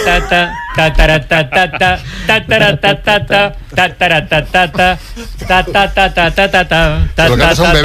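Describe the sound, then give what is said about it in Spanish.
A voice hums a lively tune in a quick, steady rhythm of short pitched syllables, the melody rising and falling, loud and unaccompanied for the whole stretch, for a humming challenge on the radio show Todo por la Radio. “Bueno, el desafío de Iturriaga en Todo por la Radio nos obliga a tararear.”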